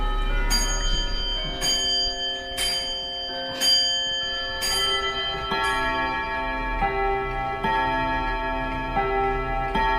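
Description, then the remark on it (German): Several wall and grandfather clocks in a clock shop chime together on the hour, overlapping gongs at high and low pitches ringing out and sustaining, with regular strikes every second or so and no talking. “Es gongt in allen Höhen und Tiefen.”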